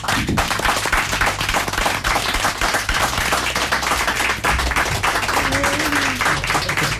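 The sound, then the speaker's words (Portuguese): A crowd applauds a female music quartet steadily, dense overlapping claps forming a loud, even wash of sound that holds at the same level from start to finish, with no one speaking. “Palmas para as meninas.”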